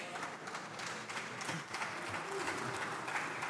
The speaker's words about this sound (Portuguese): As palmas que acabam por parecer tímidas porque são poucos os deputados.